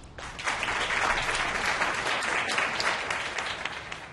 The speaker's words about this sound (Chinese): 请大家以掌声向他致上最高的敬意。